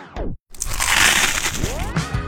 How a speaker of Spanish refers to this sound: Ese mordisco que hace que todo se detenga por un momento.